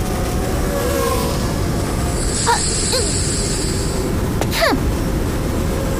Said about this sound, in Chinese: 啊，什么声音？ 哎，鹏飞哥哥。 啊。是鹏飞的无人机。